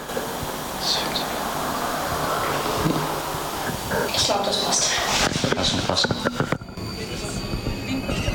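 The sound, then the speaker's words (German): Steady rumbling interior noise of a moving tram, with rattling, metallic clanks and a brief squeal, while people talk briefly over it. “Ja, jetzt sind wir in der Straßenbahn.”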